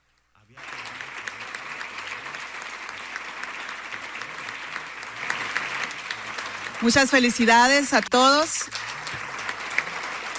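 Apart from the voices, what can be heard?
applause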